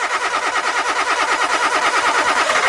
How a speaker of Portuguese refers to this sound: O seu carro não pega?